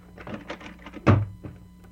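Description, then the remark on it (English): A back door is opened and shut with a single heavy thunk, followed by a softer knock and some faint rattling and shuffling around it. “Come on out the back door and we'll have a good look at her.”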